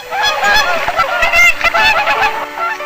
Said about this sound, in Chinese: 宝贝，你看这个呢，是绿头鸭，那个叫做红嘴鸥。哎，你看远处还有赤麻鸭和青头前鸭， 它们好可爱呀。